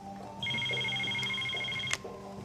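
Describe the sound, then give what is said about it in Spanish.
A telephone rings once with a steady, high electronic tone lasting about a second and a half, then cuts off abruptly with a click, over a low background hum. “Yasmín, tu teléfono.”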